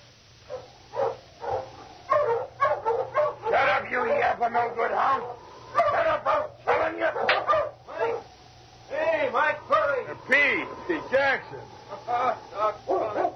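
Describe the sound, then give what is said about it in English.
A dog barks over and over in rapid, excited bursts, with some higher yips mixed in, fairly loud, against a faint steady hum. “I never yet seen a dog that didn't hate Mike Burry.”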